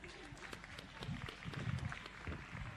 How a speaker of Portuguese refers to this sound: Palmas para a nossa... palmas para nossa mamá.